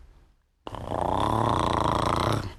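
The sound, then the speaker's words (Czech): A voice imitates a bumblebee with a steady, raspy, low buzzing hum, a light first grumble made by taking a deep breath and rumbling inside the chest. It starts abruptly after a brief quiet moment and holds evenly for about two seconds before stopping. “Nejdřív jen z lehoučka zabručet, jako když bzučí čmelák.”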